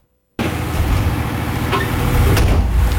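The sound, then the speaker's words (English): After a moment of silence, loud daytime construction noise in Kitchissippi Ward, Ottawa, cuts in as new homes and high-rises are built: a steady, heavy low rumble of machinery with scattered metallic clanks and knocks, continuing without a break and with no one talking. “It's constant new homes and high-rises being built. This is the daytime noise.”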